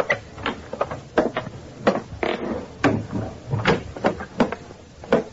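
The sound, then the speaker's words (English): A hall door is quietly opened, with a series of soft clicks, light knocks and faint creaks spread over a few seconds; no voices. “Then I quietly opened the hall door.”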